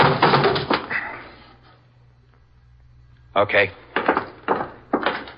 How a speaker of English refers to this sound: Kick the door open.